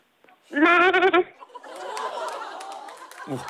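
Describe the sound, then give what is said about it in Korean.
A caller from the countryside of Wanju, North Jeolla, imitates a goat as a party trick on a radio show, giving one loud, wavering goat-like bleat, shaky and nasal, lasting under a second, then lively background chatter and snickering laughter follow. “염소 소리 할 수 있다고 그랬는데.”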